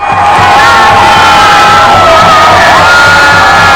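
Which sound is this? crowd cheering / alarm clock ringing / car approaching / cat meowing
crowd cheering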